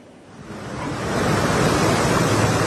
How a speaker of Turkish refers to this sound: şu an için burada yağış yok. Sadece sert bir rüzgar estiğini söyleyebiliriz.